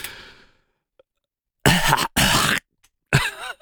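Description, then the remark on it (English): Three loud, harsh coughs burst out one quickly after another, following a fading throaty sound; a voice imitates a caller coughing directly into a phone. “Could you at least take the phone away from your mouth when you cough?”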